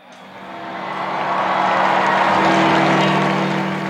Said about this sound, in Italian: E stiamo sentendo in sottofondo la folla di Piazza San Pietro che, ecco, il Papa si è affacciato.